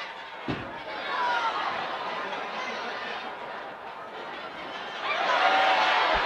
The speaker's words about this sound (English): Bottom of the first inning. Good crowd on hand here. It is a fireworks Friday at Principal Park.